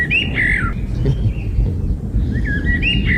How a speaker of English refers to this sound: Yesterday, we found this bird that's singing a song that sounds a lot like a 90s banger. So if you didn't hear it, here's the bird.